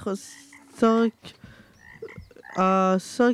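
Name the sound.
frogs croaking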